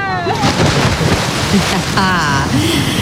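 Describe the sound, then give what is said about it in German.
Loud, continuous splashing of pool water from a cannonball jump, as heard on weekends in Munich and the region, with a heavy rushing wash, while high-pitched shouts and calls rise briefly over the noise near the start and again partway through. “München und der Region klingt es am Wochenende so. Arschbombe!”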